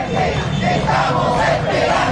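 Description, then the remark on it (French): A crowd of about a hundred protesters in Caracas chants loudly in unison, demanding the return of María Corina Machado, many voices blending into a steady, dense roar with rhythmic rises in the shouting throughout. “Une petite centaine de personnes étaient au rendez-vous hier pour réclamer haut et fort le retour de la très populaire María Corina Machado.”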